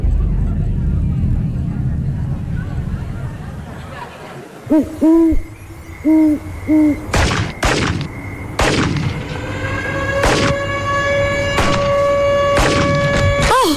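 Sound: alarm and gunshots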